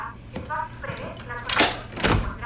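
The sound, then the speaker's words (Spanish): A key scraping and jiggling against a door lock it no longer fits because the locks were changed the year before, with two rattling bursts of metal-on-metal fumbling, as muffled voices murmur underneath. “Mi llave no entra.”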